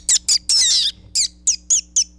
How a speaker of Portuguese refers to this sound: O quê? Tem passarinho aqui também, ó.